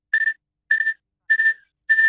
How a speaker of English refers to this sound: No, it seems to have gone now. There was a tiny little squeaking. Yeah, what was that all about?